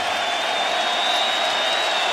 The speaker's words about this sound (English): Capacity crowd yet again.